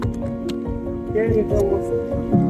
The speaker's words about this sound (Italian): Quando questa qui poi si è incominciata ad asciugare, aggiungiamo acqua che la facciamo affiorare sopra, facciamo affiorare il burro. Questa adesso con acqua gelida affiora in superficie.